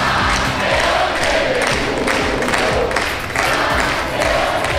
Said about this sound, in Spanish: Al grito de campeones del mundo, el municipio jarrero recibía al seleccionador nacional y campeón del mundo, Luis de la Fuente, que se mostraba visiblemente emocionado.